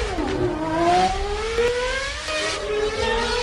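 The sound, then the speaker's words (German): The Red Force launched roller coaster, 112 metres tall, accelerates to 180 km/h in 5 seconds without a catapult system. Its electric motors produce a loud whine that climbs steadily in pitch over a rumbling mechanical roar, with no talking. “Ich hatte es schon gesagt, Red Force, eine 112 Meter hohe Achterbahn, die nur 5 Sekunden auf 180 km/h hoch beschleunigt.”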